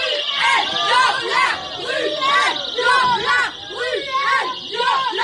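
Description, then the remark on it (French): Activists of the feminist collective Nous Toutes loudly shout the slogan "Bruel, violeur" in a steady, repeated chant, their voices echoing through the Théâtre Édouard VII in Paris, during a performance of the play Deuxième Partie featuring Patrick Bruel. “Bruel, violeur, c'est par ces cris que des militantes du collectif féministe Nous Toutes se sont invitées hier soir au théâtre Édouard VII à Paris où avait lieu une représentation de la pièce Deuxième Partie dans laquelle joue Patrick Bruel.”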